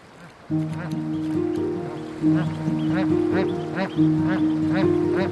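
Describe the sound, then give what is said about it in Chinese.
A family of bar-headed geese give a run of short, rising calls repeated about every half second, over a steady sustained tonal drone that shifts pitch a few times, as they cross a road to a lakeshore. “经过反复观察试探，斑头雁一家穿过马路来到了湖边。”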